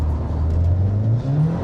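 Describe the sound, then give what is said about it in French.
A front-wheel-drive Civic with a manual gearbox and 320 horsepower launches hard with wheelspin during a timed start, its engine roaring loudly and climbing steadily in pitch as it accelerates, with no one talking. “Ah, ça patine quand même.”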